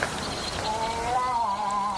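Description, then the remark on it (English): A person imitates a cow moose call with a drawn-out, wavering, nasal moan that rises and dips in pitch, heard over a steady hiss of background noise with crickets. “He says we'll be listening out for you to sound like a cow moose.”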